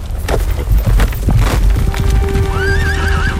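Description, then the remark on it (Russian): Loud hoofbeats pound in a fast, uneven gallop as Lermontov's horse carries him away from pursuing Lezgins in the Caucasus, then a horse lets out a high, wavering whinny near the end. “Только благодаря резвости своего коня Лермонтов смог уйти от погони.”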